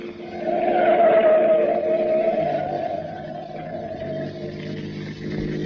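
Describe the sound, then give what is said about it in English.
A car engine roars as tires squeal in a long, high whine through a fast sharp turn while following a truck, the squeal fading while the motor keeps humming. “Now, take that turn fast. I don't want to lose track of that truck.”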